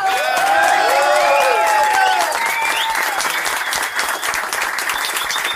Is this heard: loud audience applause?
yes